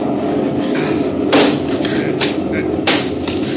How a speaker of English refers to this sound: No, I suppose there's no use chopping any more holes in these walls. They're all too solid to have any hidden openings in them.